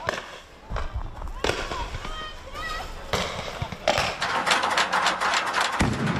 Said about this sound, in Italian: Continuano a lanciare bombe carta e razzi, anche con mortai ricavati da tubi.